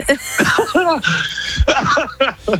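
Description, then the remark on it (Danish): A run of loud coughing fits, harsh breathy bursts alternating with voiced, laugh-like hacks over a few seconds, with no clear speech. “oh my god, du har bedøvet min hjerne med din hoste.”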